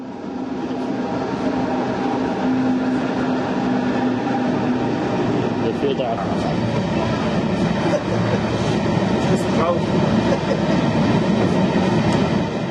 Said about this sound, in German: Die Versuche, rollende Erzzüge aufzunehmen, scheiterten immer an einem Detail. Entweder man stand an der falschen Stelle oder hatte die Kamera zu spät eingeschalten. Aber irgendwie bekam man dann doch noch einige auf Film und Foto gebannt.